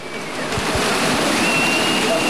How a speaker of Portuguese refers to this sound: Estamos a ouvir chuva.